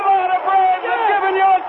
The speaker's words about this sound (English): Listen to this crowd!